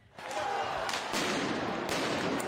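Several sharp popping shots, rubber bullets and tear gas canisters fired during clashes between police and student protesters in central Paris, France, crack out at irregular intervals over a loud, continuous roar of crowd noise and shouting.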